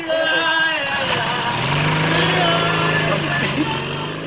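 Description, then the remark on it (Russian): A motorcycle with a sidecar, with a drunk man loaded into it by police, runs loudly, its steady drone rising in pitch partway through as it pulls away, with a busy, noisy background throughout. “Загружает пьяного в мотоцикл с коляской.”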